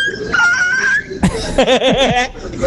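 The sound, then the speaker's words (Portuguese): A loud voice imitates a strange dog-chicken cross: a drawn-out nasal whine, a sharp burst, then a quick run of four or five warbling yips that sound half bark, half cluck. “Imagina o cruzamento disso. Nossa senhora. Do cachorro com a galinha.”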